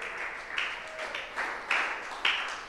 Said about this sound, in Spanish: Puede darle aplausos. Dele alabanza. Dele aplausos al Rey.